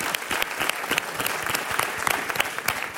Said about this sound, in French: On peut l'applaudir.